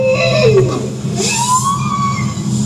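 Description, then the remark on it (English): Bowhead whale calls recorded underwater by scientists using hydrophones deployed from a research vessel, part of an Arctic soundscape: a descending tonal moan followed by a long, rising, whistle-like sweep with harmonics, over a steady low rumble of water noise. “That's a bowhead whale.”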